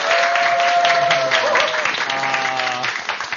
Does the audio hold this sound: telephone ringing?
no